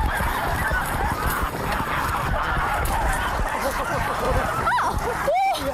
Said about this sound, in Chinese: 逮住了， 抓住了， 逮住了！ 抓了一只大白鹅，特别轻松就抓着了。 这只鹅不行， 这只鹅不行， 这只鹅小，这是几个月的小鹅啊。